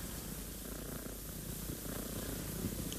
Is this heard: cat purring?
yes